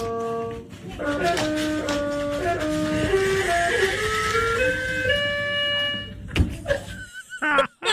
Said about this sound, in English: Like, the dog isn't running on these keys or stepping on the notes or anything like that. The dog just happened to be doing a butt scoot and did a butt scoot right across the keys. Have a listen to the dog butt scoot.